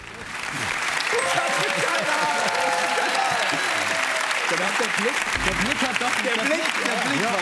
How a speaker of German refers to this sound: dieser Applaus ist sehr von Erleichterung getrieben.